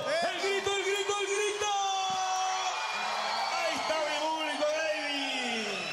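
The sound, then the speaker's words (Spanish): An audience in Punta Arenas, Magallanes, on a cold day cheers, applauds and whoops continuously for a visiting music group, with high, sustained shouts and yells layered over a dense wash of voices that stays loud for the whole stretch. “¡Fuerte el aplauso!”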